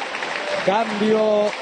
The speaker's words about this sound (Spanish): Ovación de pie. Se va uno que ya no se pondrá otra vez de manera oficial la camiseta argentina.